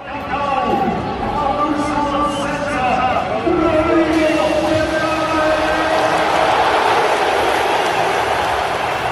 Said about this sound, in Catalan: No, no, ha estat una ovació de gala, l'ovació de la tarda. Se l'ha endut Rodri, han fet els parlaments Flick i Rafinha.